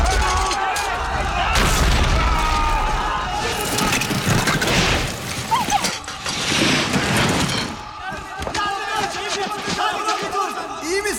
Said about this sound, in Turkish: Buz kırılıyor! Koşun!